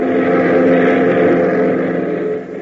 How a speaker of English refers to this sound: 15 minutes later, the boys are airborne in their Beechcraft, heading for the Greendale Airport, 100 miles to the east.